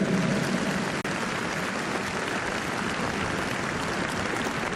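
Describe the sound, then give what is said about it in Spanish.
A large crowd at a religious congress applauds the Holy Spirit steadily, a dense and even wash of clapping that holds at a constant loudness for the whole stretch, with a brief dip about a second in and no voices on top. “Otro aplauso al Espíritu Santo, fuerte.”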